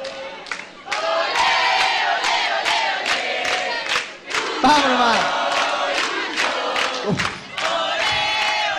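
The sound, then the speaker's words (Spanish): A large crowd of football fans chants loudly and continuously, many voices singing together in a steady, rhythmic pulse, with brief dips between phrases and sharp accents on the beat. “Hinchada medio.”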